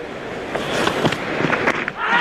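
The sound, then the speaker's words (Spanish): A cricket ball delivery in a match against England, followed by the crowd in the stands applauding: a steady, loud crowd roar broken by scattered sharp claps and knocks, swelling again toward the end. “Así suena primero el lanzamiento de la bola.”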